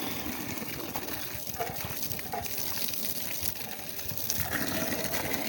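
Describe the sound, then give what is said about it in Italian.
Water pours steadily from the Orso fountain, a continuous splashing gush that holds at an even level for the whole stretch, with brief faint sounds flickering above the flow. “Ecco, qui è tutto normale, spero che l'acqua non scende.”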